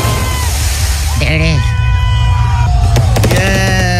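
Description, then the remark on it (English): Whistling fireworks rockets go off at Tekashi 69's gender reveal party, followed by a quick cluster of sharp pops, heard through heavy low rumbling crowd noise while a person talks. “They were cohetes.”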